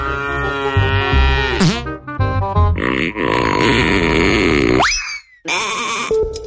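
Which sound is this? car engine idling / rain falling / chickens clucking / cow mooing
cow mooing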